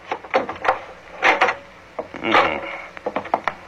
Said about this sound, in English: I'll try the door. Don't knock, it may be open. Okay.